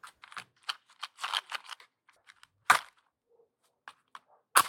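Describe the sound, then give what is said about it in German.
Dry crackling of a fire: irregular sharp pops and snaps, some clustered, others isolated, with a few louder cracks standing out against quiet gaps. No one speaks. “Als erstes hören wir das Feuer.”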